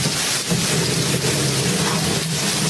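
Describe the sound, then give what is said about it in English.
A stormy downpour hisses steadily and loudly, with a low rumbling undertone, like heavy rain lashing down during a thunderstorm, with no voices. “The storm, it seems to be getting worse.”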